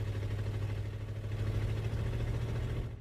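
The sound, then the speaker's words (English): A truck engine rumbles steadily with a deep, droning hum, holding fairly constant before trailing off slightly at the very end as it drives away. No voices are heard. “Dolly desperately chased after the truck, but the distance simply grew farther and farther.”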